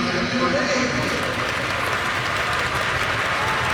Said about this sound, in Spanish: El público aplaudiendo rítmicamente.